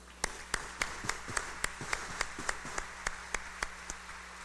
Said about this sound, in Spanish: Un aplauso para ella.